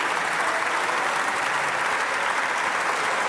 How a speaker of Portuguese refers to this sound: As ruidosas palmas do PSD, esta afirmação de Palma Ramalho.